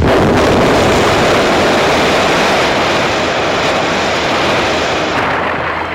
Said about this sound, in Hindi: जमीन का एक विशाल टुकड़ा था। किसी कारणवश बड़ा भयंकर धमाका हुआ।